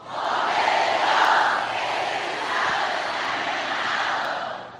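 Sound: audience shouting in unison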